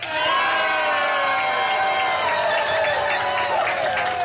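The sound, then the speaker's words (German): A large outdoor crowd cheers and shouts continuously, a loud, dense wash of many voices with high whoops rising above the roar throughout, at the Tag der Niedersachsen festival at the Löwenwall in Braunschweig, Germany, in sunshine with a few clouds. “Und wir haben aber ein tolles Publikum hier immer noch.”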